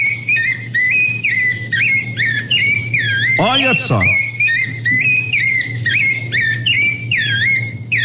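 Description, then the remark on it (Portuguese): A small songbird sings a steady, high-pitched run of chirps and warbling trills with no pauses on a farm, while a person briefly speaks over it midway and a low hum runs underneath. “Escuta, escuta, olha que coisa mais bonita, ó. Quem é o cantor? Olha que belezinha, ó. Olha só. Olha, olha. Que passarinho que é esse, ó.”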